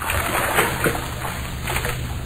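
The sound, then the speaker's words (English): Water sloshes and splashes in a bath in a steady, busy wash of sound, with a few brief louder splashes standing out and no voices. “The bath is ready.”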